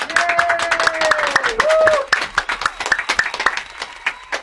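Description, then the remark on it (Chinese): Steady applause from a group in a broadcasting studio, welcoming a special guest, a dense patter of claps lasting the whole stretch. A sustained wavering whoop rides over it for the first two seconds, then the clapping thins into scattered claps. “来，掌声欢迎。”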